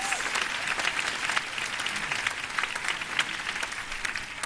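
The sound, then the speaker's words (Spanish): Sustained applause from a film festival audience applauding themselves, a dense wash of steady clapping that stays loud and even throughout, with no voices standing out. “Sí, podeu aplaudir-vos amb tot el paper.”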